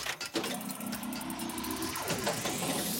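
A steady low rumble inside a car being driven with children aboard, with engine drone and road noise filling the background continuously, plus a rising tonal whine near the end.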